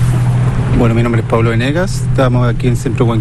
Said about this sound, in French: On se dirige vers le site d'élevage. On en a pour 5-10 minutes en bateau à moteur. C'est à environ 1200 mètres depuis le rivage.